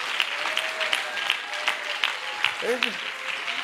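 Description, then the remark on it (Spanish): An audience at a church convention applauds steadily, giving applause to God for those who will be promoted, a dense wash of clapping with sharper claps standing out at a regular beat, while a voice calls out briefly near the end. “Denle un aplauso a Dios por los que van.”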